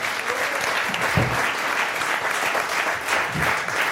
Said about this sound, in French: On peut déjà applaudir toute l'équipe du Bicubic et l'équipe qui nous a fait à manger, parce que c'est très bon depuis le début de la semaine.